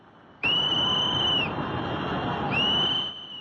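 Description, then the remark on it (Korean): Two long, shrill whistle blasts sound urgently, one after another, over a constant loud roar of floodwater rushing over a dam under construction on the Trishuli River in Nepal during a major flood, as workers evacuate. “다급한 호루라기 소리가 들리고 물줄기는 순식간에 댐 너머까지 넘쳐 흐릅니다.”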